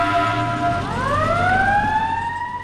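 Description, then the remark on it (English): An emergency vehicle siren, switched on by the driver as the vehicle sets off on a call, wails loudly, its tone sweeping downward and then rising again in a long continuous glide, with a low engine rumble underneath. “climbs into the driver's seat. See ya. And hits the siren.”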